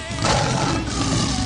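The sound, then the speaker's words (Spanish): A loud lion roar rumbles steadily for a moment, a raspy growling blast that fills the whole clip without pause. “Con el rudo de leones.”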